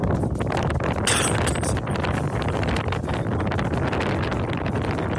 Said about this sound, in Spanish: Es que el viento no permite, se nota que hay bastante viento, marejada por lo que pudimos escuchar, lo poco que pudimos escuchar en este video.